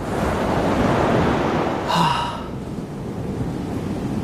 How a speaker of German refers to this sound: Ist das nicht herrlich? So ein Meeresrauschen, da fängt der Urlaub im Kopf doch gleich an.